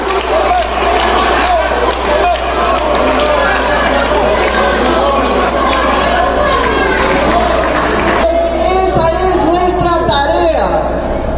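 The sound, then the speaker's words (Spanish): A large crowd gives Doctor Ledesma a standing ovation, steady and loud, a dense wash of clapping mixed with shouts and cheering voices, continuing without pause for the whole stretch. “De pie aplauden a la doctora Ledesma.”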